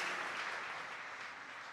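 A crowd applauds a guest at a sermon, many hands clapping in a dense, even wash of sound that stays loud throughout the short stretch.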